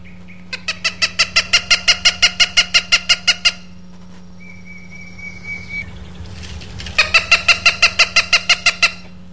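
A Cooper's hawk gives its rapid cack-cack-cack call, its most common call, two fast bursts of harsh, evenly spaced notes with a pause between, loud, over a low steady hum.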